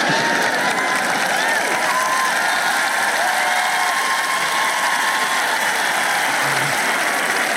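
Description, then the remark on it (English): An audience claps steadily, a dense, even patter of many hands that holds at the same level for several seconds, with faint voices mixed under the applause. “Yeah, well, you might not clap if you were in the gym with me and walking with me and doing all this stuff.”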